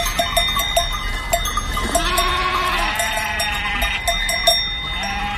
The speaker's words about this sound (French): Les brebis et les moutons bêlent tant et plus comme pour les remercier de leur sollicitude.